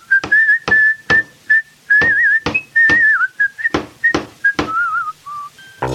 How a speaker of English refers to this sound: now they're whistling while they work